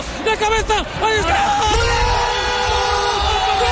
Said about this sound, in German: Ja, ja, es gibt wieder etwas Jubel in diesen Tagen, zum einen natürlich die Spanier.